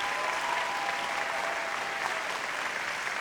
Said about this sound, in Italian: applauso al corpo di ballo della BAI